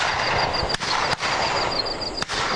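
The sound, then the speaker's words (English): Three sharp shotgun blasts from waterfowl hunting crack out at uneven intervals over a steady wash of outdoor noise, with no talking, at the start of the 2026 waterfowl hunting season in Australia's Northern Territory. “2026 waterfowl hunting season has begun.”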